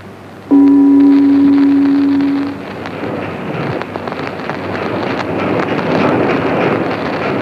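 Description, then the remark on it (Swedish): A boat under way in the wind, travelling south toward Budapest, Hungary: a loud, low horn-like blast lasting about two seconds, followed by steady rushing wind and water noise that continues to the end. “Nu är vi igen ombord på vår gemytliga båt och färdas mot söder.”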